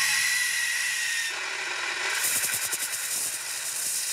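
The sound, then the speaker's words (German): A loud, steady hissing spray of a powder fire extinguisher, discharging a fine salt-like powder in a test of how long and how far it sprays, with a forceful pressurized rush that shifts midway into a rougher, pulsing sputter as the discharge continues. “Dann geht's los mit den Pulverlöschern. Wie lange spritzen sie und wie weit?”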